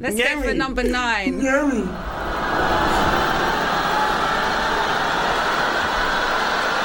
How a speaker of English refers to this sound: Oh, yes. It's the DLR on the Thursday night.